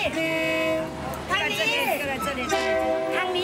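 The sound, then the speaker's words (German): A train horn sounds in two long, steady, chord-like blasts, loud and sustained, as the train moves slowly at about 3 kilometres per hour, with a person talking briefly in the gap between them over a low rumble. “Zur Seite, der Zug.”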